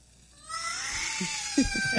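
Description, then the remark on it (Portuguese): After a brief hush, a baby, startled awake when an elastic band is pulled and snapped as a test, breaks into a loud, sustained high-pitched wail that holds steady and strains upward, with a few soft low thumps underneath toward the end. “Olha o choro da criança.”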